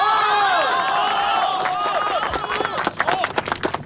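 A crowd cheers and calls out with rising voices, then loud, dense applause breaks in and builds over the final second and a half, sharp claps crowding together.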